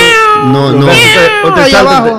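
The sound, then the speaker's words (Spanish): A person imitates a cat, producing a series of drawn-out, whiny meows with rising and falling pitch, loud, lasting about two seconds with no other talking. “Y tú estás comiendo y el gato está...”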